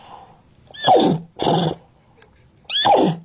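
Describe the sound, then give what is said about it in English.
A child's voice imitates a horse neighing, three loud whinnying bursts with falling pitch, separated by short pauses of quiet. “We heard you speak English, German, and Nay.”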